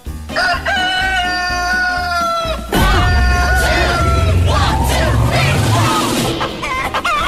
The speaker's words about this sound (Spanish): Me manda un ¿esto qué es? ¿Un gallo? A ver qué dice este gallo.